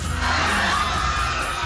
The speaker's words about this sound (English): A scream. Screaming people.